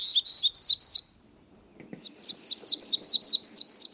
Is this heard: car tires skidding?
no